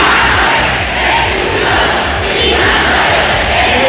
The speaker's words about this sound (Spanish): Entre los manifestantes, gritos de Ceuta no se vende, Ceuta se defiende, también insultos al presidente del gobierno y peticiones para que se expulse a los migrantes.